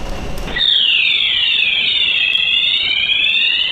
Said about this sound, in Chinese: 公共视频显示，事发当晚11点多，一辆停放在地下车库的黑色汽车不断飘出浓烟，触发烟雾报警装置。